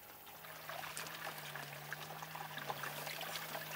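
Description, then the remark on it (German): Water pours steadily into a sheep trough as a shepherdess waters her flock on a hot summer day, a continuous splashing trickle with a low hum underneath, moderately quiet, with no one speaking. “Ich tränke sie immer, bevor wir rausgehen, wenn wir zurückkommen.”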